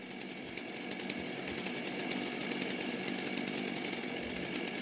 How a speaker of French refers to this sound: Allez, attention, on met en place la Stoxo pour la première épreuve. La tronçonneuse.